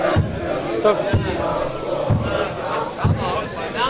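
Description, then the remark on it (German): A crowd of HFC (Halle) football fans sings and chants together at a match while a drum pounds out steady, deep beats roughly once per second, the loud massed voices filling the gaps between hits. “Und die Trommeln und singen. Ja. Richtig, die HFC-Fans, toll.”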